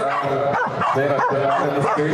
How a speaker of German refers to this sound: Aber mein Lieblingswettbewerb ist ehrlich gesagt, dass Corgi um die Wette bellen, der lauteste Corgi gewinnt. Finde ich toll.